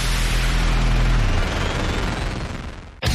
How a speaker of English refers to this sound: Get ready to light up your celebrations with memory fireworks.